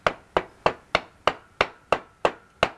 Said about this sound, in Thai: ซี่รถม้าอย่างลักษณะเนี้ยต้องตอกไปเลย ได้เหรอคะ ได้ๆๆต้องใช้ๆค้อนตอกไปมันจะพอดี โอ้ ตอกอีกซี่นึงอ้าวนั่นๆๆตอกไปแล้วนะนะ